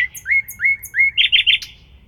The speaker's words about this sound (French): Et vous avez l'impression que vous n'avez pas entendu des oiseaux depuis genre des années. Ben moi ça me fait ça à chaque fois. C'est très agréable.